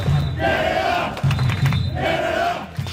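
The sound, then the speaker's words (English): A large crowd of fans marching from Trinity Bellwoods Park to Toronto Stadium in support of Team Canada before the men's FIFA World Cup in Toronto, chanting in unison, loud voices rising and falling in two long rhythmic phrases over a dense, steady roar of many people. “That is a huge group of fans marching from Toronto's Trinity Bell Woods Park to Toronto Stadium this hour.”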